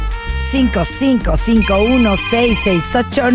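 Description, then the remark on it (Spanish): A phone ringtone for incoming calls to the La Qué Buena radio station call-in line plays an incoming-call melody, loud and continuous, with bouncy, voice-like sliding notes and a steady high tone held underneath. “Les estoy así mostrando el teléfono para que vean cómo suenan sus llamadas.”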